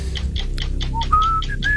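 Someone whistles a few short, clear notes that step upward in pitch, over a steady background of quick, repeated chirpy pulses. No one speaks.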